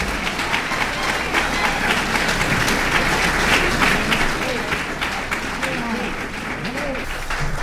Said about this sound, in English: You're very kind, folks. Let's give … a nice round of applause there.